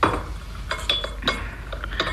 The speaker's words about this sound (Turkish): Çayınızı getirdim dedi. Aferin kızım. Getir tepsiyi şöyle ortamıza koy. Peki dedi.